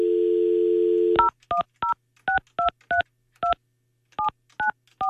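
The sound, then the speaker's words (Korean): A steady dial tone hums briefly, then cuts off as a quick series of about ten clear keypad tones beeps out at an uneven pace, fairly loud, with no voices, as a radio show host calls a listener whose line turns out to be busy. “고객이 통화 중이어서.”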